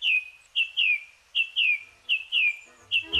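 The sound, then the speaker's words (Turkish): A bird singing at dawn repeats a clear, high whistled call about eight times in quick pairs, each note sliding slightly downward, bright and loud against a quiet background with no talking. “Şafak vakti kuşları dinlemek için çevrenizdeki ormanlık alana gidin.”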